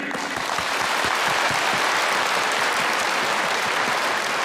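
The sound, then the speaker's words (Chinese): A crowd applauds steadily at a TV awards ceremony, a dense wash of many hands clapping at an even, loud level for the whole stretch, with no voices standing out, paying tribute to a land and its people. “我想我们应该用最热烈的掌声向这片热土和这片热土上的人民致敬。”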